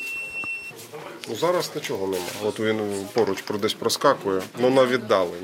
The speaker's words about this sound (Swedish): Sjukvårdsstationen här har sin egen lilla drönarvarningscentral. Det blippar och piper från en skärm och det indikerar att drönare finns i området, men på ganska långt håll.